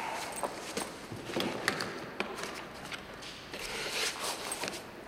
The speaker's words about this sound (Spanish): El doctor abre la cartera y guarda sus papeles.